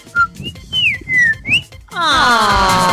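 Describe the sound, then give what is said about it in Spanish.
A person whistles an imitation of a bird call as a greeting: a short chirp, then high warbling notes that slide up and down. A loud, sustained, buzzy tone follows. “Yo la saludo con un pajarito.”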